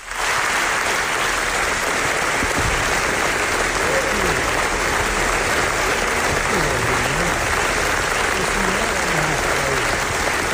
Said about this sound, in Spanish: Que debe de ser impresionante, porque fijaos el aplauso que recibieron los directores en la presentación del documental.